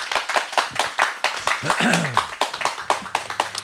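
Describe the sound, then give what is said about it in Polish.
An audience at a Radio Łódź event claps steadily for a few seconds for the special guest, a co-founder of the band a band and founder of another band, many hands producing a dense patter, with a brief voice or cheer rising in the middle. “a ja poproszę zgromadzonych Państwa o brawa dla naszego gościa.”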